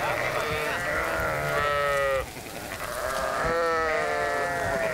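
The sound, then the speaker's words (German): Sheep bleat loudly in long, wavering cries during hoof trimming, one running from the start to about two seconds and another rising again near the end, with a noisy farmyard background. “Eines der Schafe war ihnen beim Klauenschneiden durch die Lappen gegangen.”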